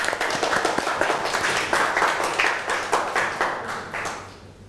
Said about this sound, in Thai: โอเคปรบมือเพื่อนหน่อยค่ะ